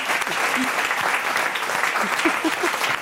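A burst of steady audience applause for a quiz contestant who has just answered correctly, dense rapid clapping at an even loudness throughout, with a few faint voices murmuring or calling out beneath it.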